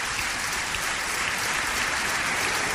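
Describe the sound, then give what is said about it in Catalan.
An audience applauds steadily as a tribute to the women who cared for their families, a dense wash of many hands clapping at an even, fairly loud level for the whole stretch, with no voices rising above it. “Per tant, dediqueu-li un fort aplaudiment.”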